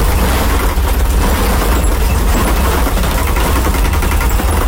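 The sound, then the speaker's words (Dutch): Steady low rumble of a car driving over an uneven brick road, with a continuous rough, rattling texture from the tyres rolling over the bumpy paved surface, recorded from inside the vehicle. “Dit is een klinkerweg en heel onregelmatig.”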